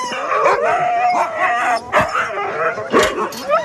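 A chorus of excited sled dogs, eager to go running, barking, yipping and howling all at once, loud, with sharp bursts of barks breaking through a continuous wall of wavering howls and whines.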